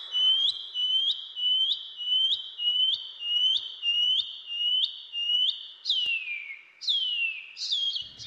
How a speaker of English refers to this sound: The pipi wharauroa. The shining cuckoo.